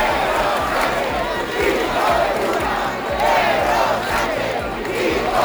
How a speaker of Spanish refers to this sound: cientos de personas han salido también aquí en Santiago a la calle al grito de Sánchez dimisión y entre insultos al presidente del gobierno.